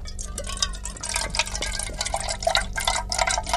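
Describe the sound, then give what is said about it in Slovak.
Liquid pours steadily into a glass, with a continuous gurgling and bubbly splashing that rises in pitch slightly as it goes, no voices present. “No toto, vravel som si, veď v tej hadičke si dakto nalieva malinovku do pohára.”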